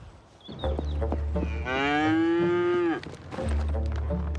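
A cow lets out a long, loud moo, a rising harmonic bellow lasting over a second, with lower grunting sounds and rumbling background noise before and after.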